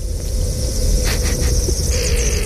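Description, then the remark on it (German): Ice of the Morteratsch Glacier recorded underwater with a hydrophone by sound artist Ludwig Berger: a steady low rumble and hiss, broken midway by a few short, nasal, duck-like bursts over a thin high whine. No one speaks. “Also der Entengesang hier, das ist tatsächlich der Gletscher.”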